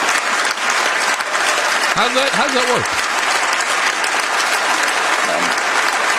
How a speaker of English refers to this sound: Stop clapping. I want to hear the man. Stop clapping.